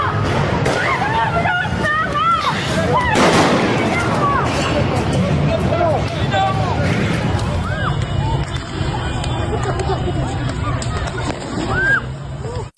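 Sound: gunfire from security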